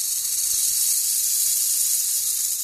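loud snake hissing

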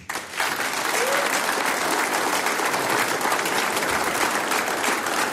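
audience applause

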